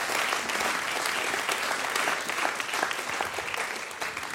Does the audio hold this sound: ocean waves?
no